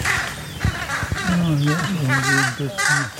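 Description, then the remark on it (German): Harsh, repeated carrion crow alarm calls, rising and falling in a rough series, with a few brief soft thumps of wing flapping early on. “Jetzt hat man sogar das Flügelschlagen gehört, oder?”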